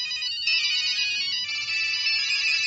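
A bright, electronic mobile phone ringtone plays continuously and fairly loudly, its high tonal notes sustained and warbling with no one speaking over it.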